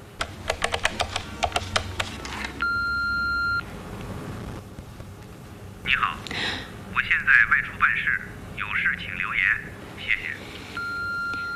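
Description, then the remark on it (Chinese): A rapid series of phone keypad beeps as a number is dialed, then a steady electronic ring tone. A voice talks briefly before the ringing starts again, still unanswered; a court official is repeatedly calling a man from a finished infringement case. “哎，你忙你的，我自己打吧。”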